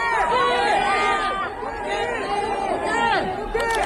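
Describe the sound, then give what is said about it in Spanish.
A crowd of fans in Seoul, South Korea, loudly shouting the name of Koke, the Atlético captain, many excited voices overlapping in a continuous, high-pitched clamor with rising and falling calls throughout. “Estos gritos se pueden escuchar su nombre, son por Koke, el capitán del Atlético, que también es muy querido en el país asiático.”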